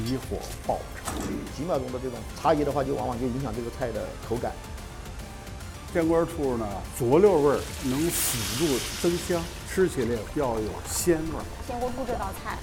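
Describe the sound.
A wok stir-fry sizzles over high heat, a quick few-second flash fry of a crisp-textured Sichuan dish at the hometown cuisine contest's Sichuan stage, a brief hissing wash of noise rising midway beneath continuous talking voices that stay in the foreground throughout.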